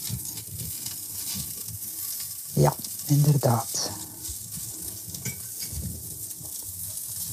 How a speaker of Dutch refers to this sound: Ik zal nu eerst kijken naar mijn amandelkrokantjes. Want ik zie en ik voel en ik ruik dat die beginnen te bakken. Dus ik zal ze een keer moeten draaien.